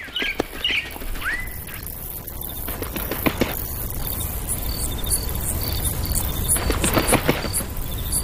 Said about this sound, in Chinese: 鸟语欢歌，奏起大自然的乐章。晨曦初上，这悠扬之声成为大自然的主旋律。